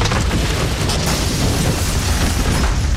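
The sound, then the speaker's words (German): A loud, sustained crashing rumble as a man repairing a sports clubhouse roof smashes through it and thuds down onto the floor amid falling debris, filling the whole stretch with no voices. “Und jetzt flickt er wohl das Sportheimboden.”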